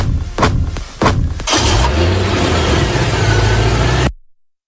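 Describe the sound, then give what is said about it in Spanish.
The engine of a white car in a getaway cranks and catches after a couple of sharp bursts, then revs up loudly and pulls away, its steady drone rising until it cuts off abruptly. “Es el final, triste final, de una historia que comenzó el 29 de octubre de 2017 con una huida en un coche blanco.”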